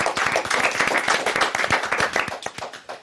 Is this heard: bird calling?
no